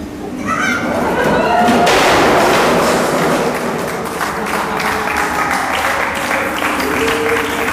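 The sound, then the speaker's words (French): A crowd claps to welcome an arriving presenter at a box-stacking game, a loud, steady burst of applause lasting several seconds, with voices chattering underneath and a few heavier thumps mixed in. “Sympa de m'accueillir en m'applaudissant.”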